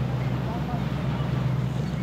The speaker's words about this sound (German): Ja, das Schiff wird jetzt zu laut. Also jetzt hört man nichts anderes außer Schiff.